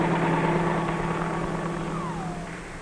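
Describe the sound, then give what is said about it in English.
A helicopter's engine and rotor drone steadily and fairly loud, a continuous mechanical hum with a high whine that dips in pitch near the end, with no voices. “the helicopter has saved many a life by its ability to land directly on the battlefield in order to speed wounded men to base hospital facilities.”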